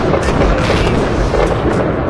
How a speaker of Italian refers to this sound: Manca poco, senti i fuochi d'artificio del nuovo capodanno, no, perché questo?